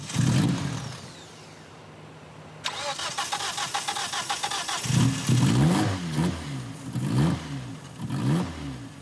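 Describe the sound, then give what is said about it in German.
A car engine that would not start is given starting-aid spray, then cranks with a rapid whirring starter, catches, and revs up and down in several rising surges, loud, with no voices. “Der Motor springt an.”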